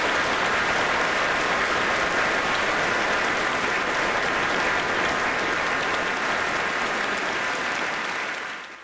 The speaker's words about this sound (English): please join me in giving a warm round of applause for our brilliant engineers